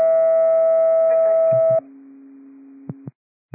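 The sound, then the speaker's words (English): Clear Lake fire dispatch alert tones calling for additional manpower on an upgraded CPR response on Magnolia Lane: a loud, steady higher-pitched tone holds for almost two seconds, then drops to a lower sustained tone, with a few short clicks breaking in near the end. “Tones for additional manpower, Delta response on CPR upgraded at 12917 Magnolia Lane.”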